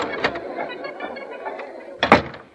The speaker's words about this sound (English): I'll get in this door.